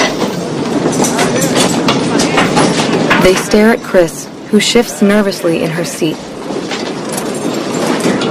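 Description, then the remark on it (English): A moving train rumbles and rattles steadily underneath, its clickety-clack running without pause while a person speaks over it throughout. “Now don't you even think about getting off this train”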